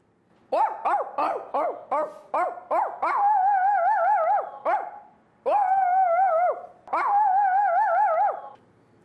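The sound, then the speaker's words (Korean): A person imitates dogs: a quick series of about seven short, yappy baby-puppy barks, followed by three longer, drawn-out howling whines imitating a big dog, loud with no talking. “강아지로도 이렇게 네. 웃길 수 있어요. 저는 아기 강아지랑 큰 강아지를 할 수 있어요.”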